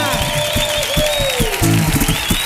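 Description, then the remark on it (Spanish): An audience at the Auditorio Cartuja gives an ovation to a carnival quartet of four men from Cádiz, a dense wash of clapping with voices and what sounds like whistling mixed in, loud and sustained throughout. “Por favor, ovación enorme en el Auditorio Cartuja para estos cuatro señores.”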